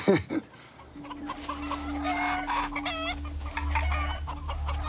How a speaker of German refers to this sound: Neun Hennen und 3 Hähne. Das kann nicht gut gehen.